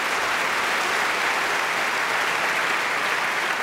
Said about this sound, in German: Deswegen nochmal ein extra Applaus an diesen wunderbaren Mann.